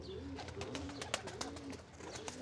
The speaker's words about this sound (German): Das klatschende Geräusch der Tauben dient der Abwehr von Fressfeinden.